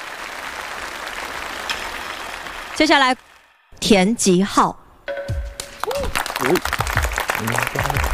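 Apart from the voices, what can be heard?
audience applause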